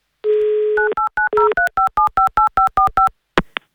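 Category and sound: signal or alarm, telephone number being dialed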